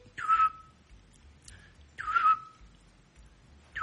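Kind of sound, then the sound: bird, eurasian scops owl call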